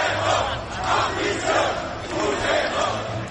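A street protest crowd in Spain, protesting during the amnesty negotiations, roars continuously, many voices shouting together in dense, sustained waves with rising and falling surges, loud throughout with no single voice standing out.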